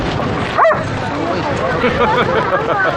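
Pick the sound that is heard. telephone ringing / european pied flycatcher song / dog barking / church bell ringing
dog barking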